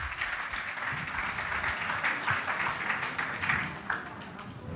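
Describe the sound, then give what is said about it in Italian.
An audience applauds steadily, a dense wash of many hands clapping at moderate loudness with no break, lasting the whole stretch without voices on top. “Ok, ancora un applauso per Grazie.”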